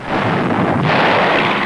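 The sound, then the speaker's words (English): Some 4,000 artillery guns firing day and night on German forces in the Meuse-Argonne area in a dense barrage, their booms merging into one loud, continuous roar with a rough rumbling texture and no voices. “Now 4,000 guns blasted the enemy day and night.”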